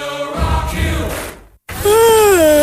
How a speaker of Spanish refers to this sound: Ay, ¿tanto bostezo tú? Ay, sí, es que ayer me quedé hasta las tantas vitrineando porque encontré toda mi rutina de skincare.